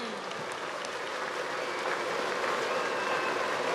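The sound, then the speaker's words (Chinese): Warm applause from an audience at a sports match, for the players and the spectators who came to watch. A dense, steady wash of many hands clapping holds at an even, fairly loud level for the whole stretch, with no voices standing out. “我们是不是向这些球员还有这些勇往直前来参观比赛的人给他们再次热烈掌声？”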